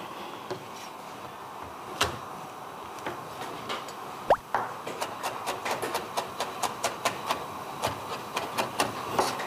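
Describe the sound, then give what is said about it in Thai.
Quick, even knife taps on a cutting board as garlic is chopped, a steady run of sharp clicks after a few scattered knocks, with no talking. “กระเทียมก็ต้องหั่น”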